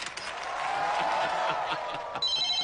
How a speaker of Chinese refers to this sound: 呀，这咋还来电话了呢？